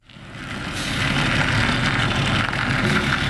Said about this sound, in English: It was just another summer morning in Red Hook, Brooklyn, as a white delivery truck turned out of a commercial lot and rumbled down a narrow cobblestone street.